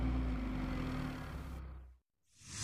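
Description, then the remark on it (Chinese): A car engine rumbles with a steady low drone as the car pulls away, heading for the Cuixi Lou (翠喜楼), fading out into a brief hush before a new rushing noise swells up. “坐上汽车奔了翠喜楼。”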